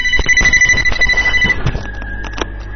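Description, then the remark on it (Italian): A telephone rings with a steady, shrill electronic tone for about a second and a half over clattering, bumping background noise, then the ringing cuts off while the rattling continues. “piccolo lì il telefono, lo sapevo io.”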